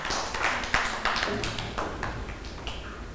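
A group of children claps together, a quick, uneven patter of many sharp hand claps that keeps up steadily for a few seconds at moderate loudness, with no one speaking.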